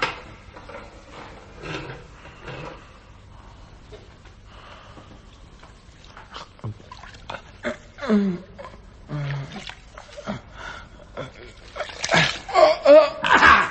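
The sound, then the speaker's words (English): Wet splashing and sloshing as a sleeping man's face is sponged with water from his water jug, a few messy bursts building toward the end after quieter rustling and muffled sounds. “Now then, if you'll have the goodness to open the door very quietly and let me get at his water jug with this sponge before he wakes up, we'll soon make him cut a much more respectable figure.”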